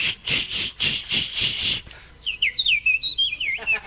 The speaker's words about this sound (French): Et ça, c'est qui, ça? C'est la petite fauvette à tête noire. Ouais, mais ben, moi, j'avais pas vu qu'elle avait la tête noire.